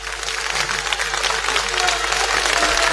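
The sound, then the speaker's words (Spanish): Loud, dense applause from an audience, a continuous crackle of many hands clapping at once with no pauses, sustained and steady throughout. “Che, ese aplauso es medio ruidoso mal, ¿eh?”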